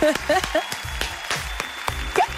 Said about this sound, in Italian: Un applauso.